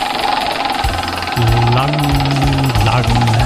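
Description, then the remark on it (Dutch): A prize wheel, spun by a player in a game show to pick a new year, spins fast, its clicker producing a loud, rapid, continuous rattle of ticks throughout, with a low humming drone and faint voices joining partway through. “Jij staat het dichtst bij het rad. Ja, ik ga even draaien.”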